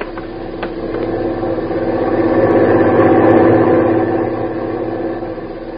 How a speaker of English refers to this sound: Truck is stopping in front of the boat.